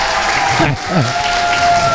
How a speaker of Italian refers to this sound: Noi siamo esattamente al Pala Oratorio di Villa Terponti, della città di Rezzato, Brescia. Senti un po'? Applauso.